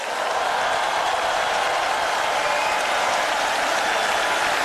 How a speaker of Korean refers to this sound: 조금 더 박수 치겠습니다.